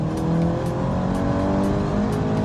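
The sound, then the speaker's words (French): A car engine revs high and steady to about 6500 rpm at the top of its range, its loud, sustained drone with rising harmonic tones and a faint rhythmic pulsing, with no voices. “Elle prend à peu près autant de tours que celle d'Yvan. Environ 6500 dans le haut du contour.”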